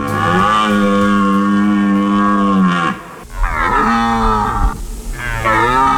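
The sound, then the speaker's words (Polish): A red deer stag roars during the autumn rut in the Tatra Mountains: one long, deep, loud bellow, then two shorter groaning roars that rise and fall in pitch, with no talking. The stag is calling females and driving off rivals. “Niedźwiedzie, no nie ryczą o tej porze roku, raczej wypasają się, a teraz jelenie mają swoje gody i samce jelenia ryczy na rykowisku, przywołując samice i odganiając konkurencję.”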